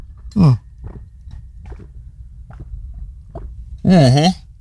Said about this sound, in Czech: Kdo máte po ruce pití, lahev, flašku nebo nějaký pítko, tak pojďme se napít. Já tady mám 0,5 litru vody, tak si to dáme takhle živě.